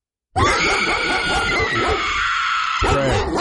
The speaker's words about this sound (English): Pit bull? Yeah, that'd be a pit bull.